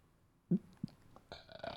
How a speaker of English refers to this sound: Excuse me, I just had a burp there.